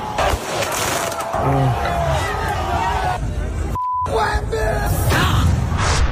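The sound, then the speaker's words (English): A large street crowd in New York City celebrates the Knicks title with a dense roar of overlapping shouts and cheering voices as fireworks are set off. A short electronic beep sounds partway through as the noise briefly cuts out, then the crowd resumes. “They decided to get all the fireworks out. Have a listen to New York.”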